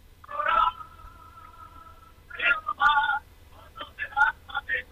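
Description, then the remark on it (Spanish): A tuna band performing live in Switzerland, in San Maurí, sings and strums faintly through a telephone line, far in the background, thin and tinny, with sustained sung notes and short choppy bursts that sound muffled. “Ahora se va escuchando mejor, ahora sí. ¿No se oye? Muy de fondo, pero un poquito sí.”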